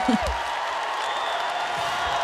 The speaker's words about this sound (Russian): Слышно по громкости аплодисментов, как это понравилось аудитории.